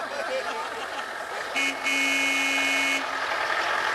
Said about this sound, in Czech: Auto už vyjíždí. Vyjíždí před dům.